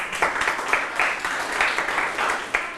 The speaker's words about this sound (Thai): ปรบมือเพื่อนหน่อย